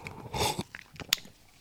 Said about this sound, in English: Let's have a sip of this iced latte, 1 second. Well, kind of, it's cold latte without milk. There's no ice here, you see, so.